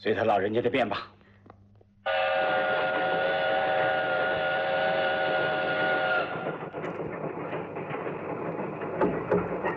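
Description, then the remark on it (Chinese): A train heading toward Changxindian rumbles along steadily while a loud steam whistle blows one long, sustained note for about four seconds; a voice is heard briefly at the start. “太夫人，前面是长辛殿，我就要下车了。”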